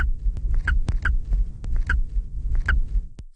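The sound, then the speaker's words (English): Several short, clear squeak vocalizations, produced by an animal during nest emergence, repeat at irregular intervals over a constant low rumble with sharp clicks and knocks scattered throughout. “So in contrast to some of the other vocalizations, we also got clear squeaks, and it was one of the vocalizations produced only during nest emergence.”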